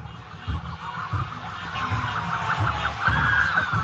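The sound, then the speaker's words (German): A police siren wails through a noisy outdoor scene, its tone sweeping up and down and growing louder as police cars driving ahead of a bus reach a roundabout and pass within a few metres, over a rumbling crowd and traffic background. “Polizeiautos fahren vor ihm her, die sind jetzt hier schon beim äußersten Zipfel des Kreisverkehrs angekommen und der Bus ist auch fast an diesem Punkt angelangt.”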